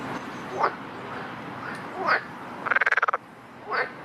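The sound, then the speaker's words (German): A frog croaks: a few short, separate calls, then one quick rattling burst of about nine rapid pulses, heard fairly close against a soft, steady background of outdoor noise. “Und der Frosch lebt ganz nackt im Wasser.”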